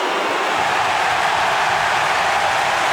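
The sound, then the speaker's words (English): A stadium crowd roars as Lockie Neal of the Brisbane Lions lines up a goal attempt to put Brisbane in front, a loud, steady wash of noise that holds without breaks for about three seconds, with no single voice standing out. “Listen to the crowd with Lockie Neal lining up for goal.”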